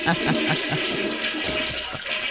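A toilet flushes, a loud, steady rush of swirling water that holds for a couple of seconds without fading.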